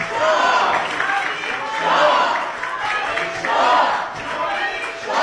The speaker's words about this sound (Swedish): Pahlavi applåderas av svenska riksdagsledamöter, och några i publiken ropar också Javid Shah, alltså länge leve kungen.